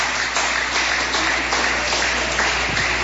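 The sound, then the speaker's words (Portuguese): A crowd applauds steadily to glorify the Lord Jesus, a dense wash of many hands clapping together at an even level throughout, filling the space without a pause. “Palmas que glorifique o Senhor Jesus.”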